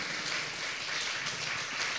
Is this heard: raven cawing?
no